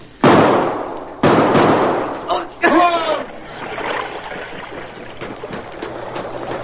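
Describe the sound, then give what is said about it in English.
Two loud, sharp gunshots ring out about a second apart, each with a long echoing tail, fired by men at a man fleeing into an underground river in a cave, followed by a brief shout over a steady wash of rushing water. “He's trying to get out of the river! Shoot!”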